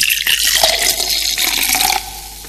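A cold fizzy drink is poured, a bright, steady hiss of bubbles and splashing liquid that runs continuously, then drops a little quieter near the end.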